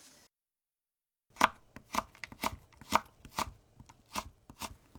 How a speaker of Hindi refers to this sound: गाजर को 3 सेंटीमीटर लंबी और 2 मिलीमीटर चौड़ी पट्टियों में काट लीजिए।